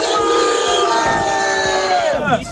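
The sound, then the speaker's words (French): Brive rugby supporters, heading to a semi-final decider at Colomiers, cheer and chant loudly and continuously, many voices blending into a dense, sustained roar with sung tones rising and falling before dipping briefly at the end. “Bon, vous entendez, ils sont chauds.”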